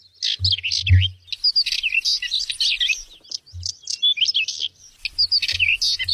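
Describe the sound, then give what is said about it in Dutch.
Whinchat and northern wheatear song heard while walking on the island of Schiermonnikoog in fine weather: rapid, scratchy chattering warbles and chirps pour out almost without pause, fairly loud, with occasional low gusts of wind rumbling underneath. “Een paapje, zeg je dat wat? Nee, dat zegt me niet. En de tapuit? Nee. Nou, dat was het.”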